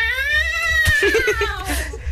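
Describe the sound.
A man lets out a loud, drawn-out screeching yowl imitating a cat's scream, one continuous wavering cry lasting about two seconds with rough, breaking sounds in the middle.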